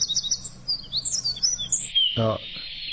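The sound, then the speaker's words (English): High bird whistles, shifting and sliding at first, then a brief harsh, buzzy burst before a steady, flat-pitched whistle holds to the end, with no voices. “oh, I'd call that a flat whistle.”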